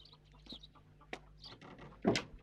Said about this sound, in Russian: Во дворе ходят куры, петух, черный котенок.